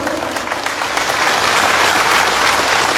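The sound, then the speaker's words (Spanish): A crowd breaks into steady, dense applause for Leonardo Loza, governor of the Cochabamba department, on his ratification as new executive, many hands clapping together in a continuous loud wash that holds at a constant level with no voices standing out. “también al mismo tiempo se ha ratificado con humanidad, bajo un consenso, otra vez asume como nuevo flamante ejecutivo nuestro compañero Leonardo Loza, un punto de aplauso.”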